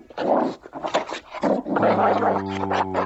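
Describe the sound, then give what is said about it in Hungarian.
A dog pants in quick, breathy bursts, then breaks into a low, sustained rumbling growl that carries through to the end, fairly loud with no voices present. “Okos kutya, okos kutyuska.”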